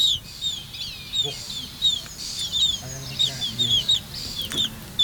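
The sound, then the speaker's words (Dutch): Repeated thin, high-pitched peeping calls from black-tailed godwit chicks, overlapping in quick bursts, with soft low rumbling and faint murmuring voices underneath. The chicks are being raised for research by the University of Groningen. “En zo klinken ze nu nog.”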